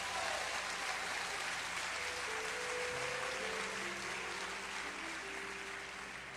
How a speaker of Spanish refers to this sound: Un aplauso a Dios.